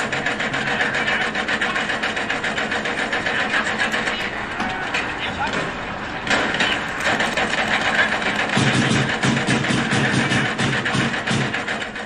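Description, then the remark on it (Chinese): Loud, continuous renovation construction noise, apparently coming from an office: a dense mechanical grinding and whirring that runs the whole time, shifting in texture several times, with a deeper rumbling layer joining toward the end. “哪装修啊？ 好像是你办公室传出来的。”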